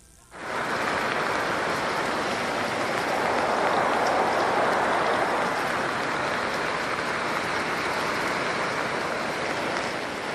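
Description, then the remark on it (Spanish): Heavy rain pours down steadily in the Cajamarca district of Tolima, a dense continuous hiss that starts abruptly and stays loud and even throughout, with no voices over it. “Vamos a ver de dónde es este informe, donde está lloviendo fuertemente.”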